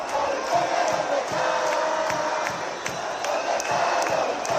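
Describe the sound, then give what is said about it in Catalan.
A large protest crowd of about 25,000 marching through the streets of the autonomous city chants slogans against the Spanish government together, a loud, dense wall of voices with steady rhythmic accents pulsing through it, continuing without pause for several seconds. “Els càntics allà també anaven dirigits en contra del govern espanyol.”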